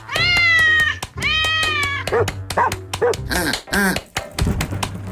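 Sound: cat meowing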